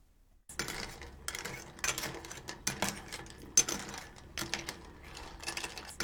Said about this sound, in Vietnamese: Lưu ý là múc một ít nước dùng rồi hòa tan tương ở trong muôi trước khi đổ vào nồi. Sau khi hỗn hợp tương hòa với nước thì đổ vào nồi và quấy nhẹ tay sao cho ngao không bị rời ra khỏi vỏ.